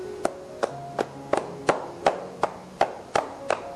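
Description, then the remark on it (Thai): Percussive tapping (knocking) massage strokes on the body, a technique used as a final relaxing step after the main massage, about ten sharp slaps in a steady, fairly quick rhythm, with faint sustained tones humming in the background and no talking. “วิธีการต่อไปนะครับเรียกว่าวิธีการพายฝ่านะครับคือวิธีการเคาะนะฮะเคาะครับผม”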